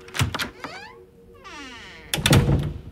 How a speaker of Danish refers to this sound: Pludselig så banker det på klasseromsdøra.